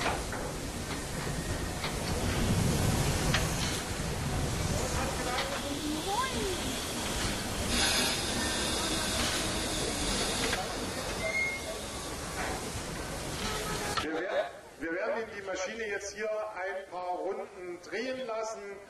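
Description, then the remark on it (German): A steam locomotive's cylinder valves blast out steam to reheat the cylinders after the locomotive stood for a long time, clearing condensation, in a loud, continuous roaring hiss that fills the first stretch, then cut off abruptly as a man starts talking. “Und wenn eine Dampflok lange stand, werden diese Ventile bedient, der Zylinder nochmal mit Dampf erhitzt, sodass es dort kein Kondenswasser mehr drin gibt und Schäden am Zylinder vermieden werden.”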